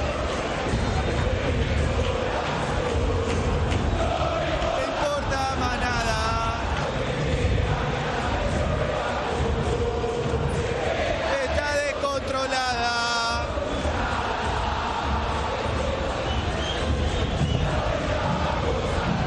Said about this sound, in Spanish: Escuchen a la gente de Boca, dentro Valencia. Y aplausos para el ecuatoriano, ¿eh? Escuchá cómo está la bombonera.